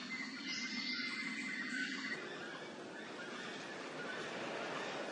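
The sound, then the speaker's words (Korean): A white-throated toucan in a Costa Rican cloud forest gives loud, yelping territorial calls from a high branch, most prominent in the first two seconds, set against a dense, steady wash of forest chirring and other bird calls. “흰목 큰 부리사에는 특유의 울음소리로 자신의 영역을 표시합니다.”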